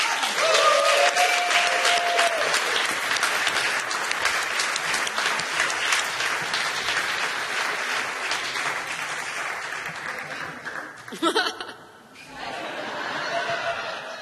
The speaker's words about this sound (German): Und es ist, Applaus bitte,